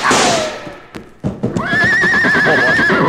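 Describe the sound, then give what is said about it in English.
A horse whinnies loudly, a long quavering neigh rising then holding steady, with hoof clatter and scuffling thuds in the middle. “Well, this horse is safe now, and that means you stand to lose a fortune.”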